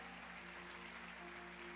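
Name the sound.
audience applauding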